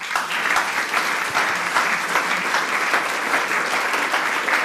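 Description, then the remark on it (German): Steady audience applause at a music festival, a dense wash of many hands clapping at an even loudness throughout, with no voices rising above it, drawn out by the host to fill time while microphone stands are set up. “Darum bin ich jetzt, gerade ein bisschen Applaus schinden und Zeit schinden, dass wir durchmogeln können.”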